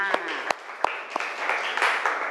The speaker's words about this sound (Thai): ขอบคุณค่ะขอเสียงปรบมือให้เพื่อนอีกครั้งหนึ่งค่ะ